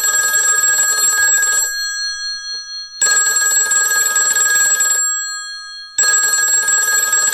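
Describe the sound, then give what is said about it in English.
A telephone rings loudly and clearly in repeated bursts, opening the 'Who's Calling' game on Fun Kids' The Animal Hour, where a wild creature phones into the show; each electronic ring lasts under two seconds with short silent pauses between, three rings in all, with no voices present. “They give us a ring. They phone into the show.”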